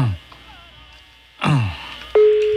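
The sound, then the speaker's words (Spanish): A telephone ringback tone, heard while placing a call, begins near the end, a steady, clear electronic hum that holds loud and even, preceded by a couple of brief breathy sigh-like vocal sounds with no speech. “Está sonando el teléfono de Eleazar Cantú”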